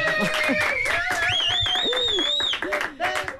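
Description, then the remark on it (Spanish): A radio concert audience on Radio Euskadi applauds after a band's four-song set, calling for an encore, with scattered claps mixed with shrill whistles and cheering voices, steady for a few seconds before thinning out. “Si el público aplaude, hacemos otra.”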